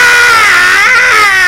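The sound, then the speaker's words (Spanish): A voice imitates a shrill, screaming alarm, called the 'alarma del grito' (scream alarm): one loud, unbroken wail of about a second and a half, its high pitch wavering slightly up and down, with no other sounds. “Esa es chivísima, esa se llama la alarma del grito.”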